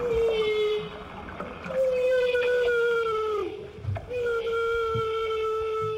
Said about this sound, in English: These humpback whales are creating a bubble net to catch herring. Humpbacks are usually solitary creatures, but they come together to coordinate these hunts in Alaska.